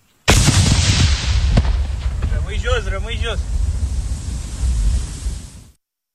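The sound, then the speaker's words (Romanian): A sudden heavy explosion booms, followed by a long rolling rumble and wind-like roar that fades out after several seconds, with a brief voice calling out partway through: the controlled detonation of an explosive-laden drone found in Tulcea County, Romania, carried out by the defence ministry. “A fost detonată, controlat, în urmă cu puțin timp.”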